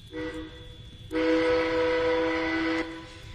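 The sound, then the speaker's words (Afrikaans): A locomotive whistle sounds twice: a short blast, a brief pause, then a longer sustained blast of about two seconds, loud with steady harmonic tones and no talking. “Toe, nou kan jy die trein se vlei trek.”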